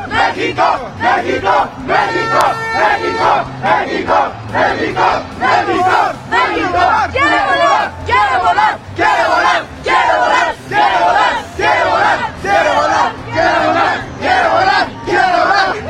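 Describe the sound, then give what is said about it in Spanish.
A large crowd of Mexico football fans at the FanFest, in the rain, chants loudly in steady, rhythmic bursts about once a second, voices merging into a roaring, cheering wall of sound that continues without a break. “Eso, así el ambiente que se vive aquí en el FanFest, a pesar de la lluvia.”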